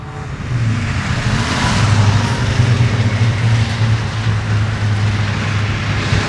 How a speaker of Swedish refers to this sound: Vi lyssnar lite noga här nu. Hur lät då när det var tät trafik på E4 i augusti 73?